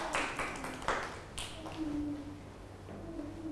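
A handful of sharp, uneven hand claps applaud a young child for answering correctly. They ring out over the first second and a half, then fade to a faint murmur with a soft, sustained voice-like tone underneath.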